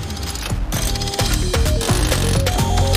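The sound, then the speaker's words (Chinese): A mechanical wrench arm is activated to repair something, whirring into motion with a steady run of loud ratcheting clicks, each gear catch landing in an even rhythm alongside rising mechanical tones, without any talking. “包在我身上，超能搬手机卸臂启动。”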